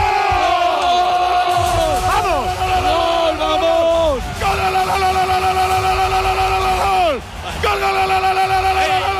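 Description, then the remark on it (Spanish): A huge crowd of about 3,500 people at Monte do Gozo roars and cheers without pause at a goal by Oyarzabal, while loud, long sustained tones rise, hold and then slide downward several times over the din. “Esta era la explosión de júbilo que se podía apreciar en la pantalla. Domonte do Gozo, 3.500 personas.”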